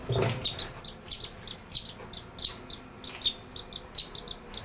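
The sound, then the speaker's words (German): Rapid, high-pitched peeping from young birds repeats in short bursts, with a brief louder rustle at the start and a quiet background; a duck, probably a Mandarin duck, is nearby. “So, guck mal, hier ist noch ein anderer und eine Ente. Ah, was denn für eine Ente? Das ist wahrscheinlich eine Mandarinente.”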